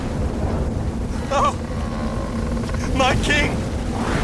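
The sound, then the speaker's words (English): A steady, roaring storm wind with heavy surging waves around a boat at sea fills the whole scene, loud, while a man speaks briefly over the turbulent noise. “I know nothing about piloting a boat, let alone in a storm.”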